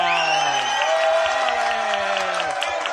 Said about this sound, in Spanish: ¡Un aplauso!